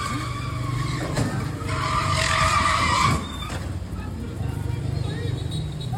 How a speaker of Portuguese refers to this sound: O cara do caminhão atropelou o carro pequeno e foi embora. Acompanha, meu Brasil! Olha aí. O cara tá tentando fechar o caminhão. Passa de perto, cara! Escuta, som. Bateu.